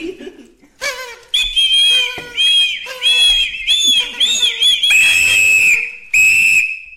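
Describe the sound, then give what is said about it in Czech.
A roll-out party blower, given as a gift, is put in the mouth and blown in several shrill, reedy bursts, its pitch wobbling, ending with two longer, steady loud blasts. “Strč to do pusy a foukni do toho.”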